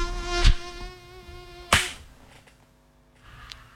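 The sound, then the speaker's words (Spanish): A mosquito whines steadily, its thin high-pitched buzz droning throughout, broken by two sharp swishing hits near the start before the buzz fades to a faint hum. “Muchachos, muchachas, yo soy del instinto felino en el que no me vuelvo a acostar hasta que ese zancudo pasó a mejor vida.”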